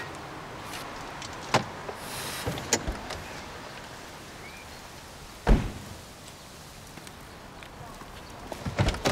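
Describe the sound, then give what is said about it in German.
Several sharp clicks and rattles come from a woman yanking at a car door handle without getting it open. The attempts are spaced irregularly, with one louder jolt midway and a flurry of tugs at the end. “Ist sie zu blöd zum Tür öffnen?”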